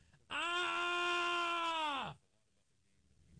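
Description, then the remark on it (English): A person imitates the scream of an injured player heard at Soldier Field: one sustained, strained vocal cry lasting about two seconds, holding a steady pitch before sliding down and cutting off, at a subdued level with the microphone turned down. “I could do my impression, but you know what screams sound like.”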